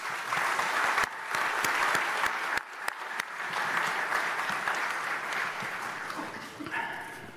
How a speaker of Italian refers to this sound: Allora, prima di iniziare il mio discorso, volevo con un grande applauso dare il benvenuto al nuovo rettore della Federico II, Andrea Mazzucchi.